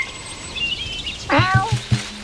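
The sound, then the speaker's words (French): A cat in a garden meows clearly partway through, its drawn-out cry breaking into a few quick pulses, after a quieter stretch with faint high chirping in the background. “Les chats courent.”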